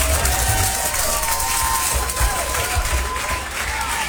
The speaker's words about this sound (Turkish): Ben fonduya tabii ki alkışı buraya eklersem diyorum ki acaba neler oluyor gönlümün dostları diye.